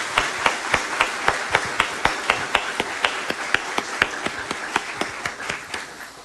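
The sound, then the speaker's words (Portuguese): A church audience applauds the parish catechists in steady, rhythmic unison, sharp claps landing at an even pace of roughly four per second for several seconds, fairly loud, with no voices over it. “Uma salva de bem, bem forte de palmas para os nossos catequistas.”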